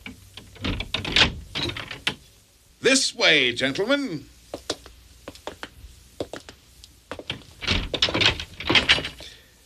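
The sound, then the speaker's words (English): Metallic clunks and rattling of a lock as a servant unlocks the door to a treasure house, then the door creaks open with a drawn-out wavering squeal, followed by more knocks and footstep-like thuds as a man speaks briefly. “Lackey, unlock the door to my treasure house.”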